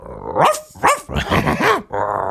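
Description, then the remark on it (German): A person imitates a dog with a string of loud, growly barks and yelps, about four bursts in quick succession, with no other speech. “Der Tiergeräusche. Ja, mache ich auch, wenn wir Musik machen immer, …. Richtig. Ja, ja, leg mal los. Hund.”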